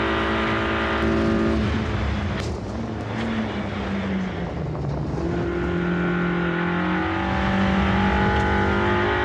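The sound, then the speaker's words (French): A loud rally car engine revs hard, its pitch climbing and dropping as it shifts gears rapidly through its very fast gearbox, with sharp popping bangs from the exhaust between shifts. “la boîte, elle est hyper rapide. Ben, c'est de fou, la boîte. Et ouais, c'est des couples de rallye.”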